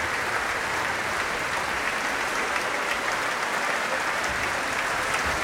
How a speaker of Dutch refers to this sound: En ondertussen gaat het door met applaus nemen en het wordt gedaan door de verschillende groepen binnen Le Concert Spirituel.